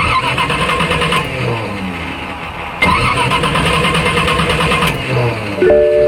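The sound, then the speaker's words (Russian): An old car engine cranks and sputters repeatedly, struggling to catch, with bursts of rough grinding that stop and restart several times, loud with no one speaking. “Ну нет! Серьезно? Опять? Изводит старая машина?”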